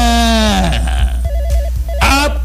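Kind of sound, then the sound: signal or alarm, telephone ringing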